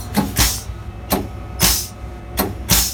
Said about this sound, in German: Wenn es mal rutschig auf den Schienen wird, ist der VT2E wie alle Eisenbahnfahrzeuge mit einer Sandstreueinrichtung ausgestattet. Diese klingt so.